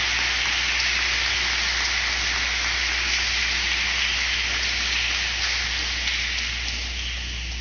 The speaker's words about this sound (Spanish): Vamos a darle un aplauso, no sean secos.